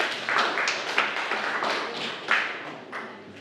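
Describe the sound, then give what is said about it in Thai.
A classroom of students claps together for a classmate's correct answer in a science lesson, a steady patter of many overlapping hand claps with a few sharper accents, lasting a few seconds with no talking. “ถูกต้องครับปรบมือให้เพื่อนด้วยครับนักเรียนนะครับ”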